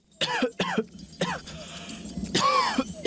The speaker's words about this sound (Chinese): 咳嗽超过几周都不好，这可能是肺功能受损了